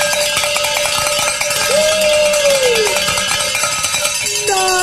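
A handbell rings loudly and continuously for about five seconds, a rapid, bright metallic clanging with steady ringing overtones and no voices, rung to celebrate a listener pledge during a fundraising drive on radio station KJMA 89.7.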